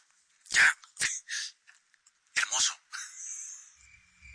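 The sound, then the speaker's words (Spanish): A dog at a paleontological study centre in Villa de Leyva gives a few sharp barks in two quick clusters, followed by a drawn-out, higher whining sound that fades toward the end. “El perro es real, yo creí que era un fósil.”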